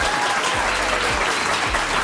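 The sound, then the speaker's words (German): An audience applauds steadily, a dense wash of many hands clapping at once, fairly loud and continuous for the whole stretch with no voices standing out. “Die Leute finden das auch, deswegen klatschen die gerade alle.”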